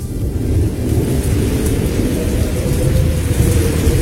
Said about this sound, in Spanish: Una fuerte tempestad. De esas tempestades que nosotros pasamos.